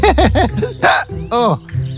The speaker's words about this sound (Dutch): De adem blijft hikken.